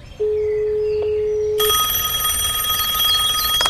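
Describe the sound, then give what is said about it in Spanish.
A steady, low-pitched phone tone hums for over a second, then a loud telephone starts ringing with a bright, continuous metallic trill that carries on to the end. No one speaks. “¿Qué tal si llamamos y preguntamos?”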